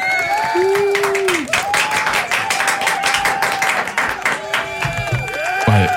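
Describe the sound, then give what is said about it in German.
A burst of canned applause played by pressing an applause button, dense steady clapping filling all six seconds, with high whistles and cheering voices gliding up and down over it, loud throughout. “Ja, aber ich denke mal, dafür kannst du nochmal den Applaus-Button drücken.”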